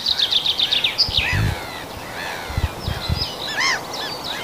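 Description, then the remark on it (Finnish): Several songbirds sing outdoors in spring, a chaffinch's quick descending trills interleaved with the higher, see-sawing phrases of a pied flycatcher, over a soft background hiss with a few low thuds. “Ja siellä kirjosieppo kuului tuossa peipon lomassa.”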